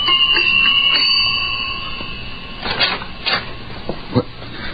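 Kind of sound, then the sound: household object, apartment door buzzer ringing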